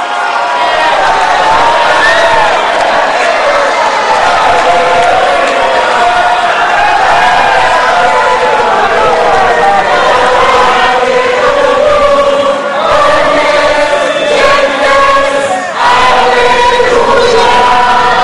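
A large crowd at Notre-Dame cathedral in Paris cheers and shouts joyfully as Pope Leo XIV comes toward it after solemn vespers, a dense, continuous roar of many voices with whoops and cries rising over it, loud and sustained throughout.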